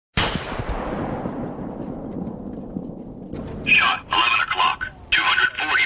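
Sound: gunshot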